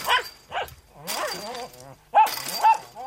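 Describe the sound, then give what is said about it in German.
A poodle hanging on the wire fence of a detached house's garden barks, as it does whenever someone passes, in a run of sharp, yappy barks mixed with whiny, drawn-out yelps and a low growl, loud and with no talking. “Den hat der Pudel abgerissen durch seine Kratzerei. Er hängt am Drahtzaun. Sobald jemand vorbeikommt, bellt er.”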